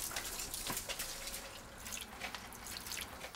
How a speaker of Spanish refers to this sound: Usaremos la manguera para formar una corriente. Haremos que el agua baje por la acera hacia el callejón a ver qué pasa.